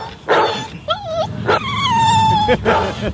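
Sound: dogs barking and whimpering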